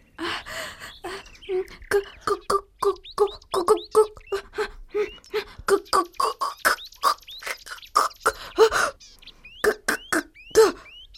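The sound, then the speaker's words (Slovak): A young cuckoo's clumsy attempt at its call: a fast, uneven run of short, hoarse, squeaky chirps repeated two or three times per second, fairly loud, with no talking. It may be a voice imitating it. “Zakúkaj! Zakúkaj! Malá kukučka nesmelo dohopkala na samý koniec konára.”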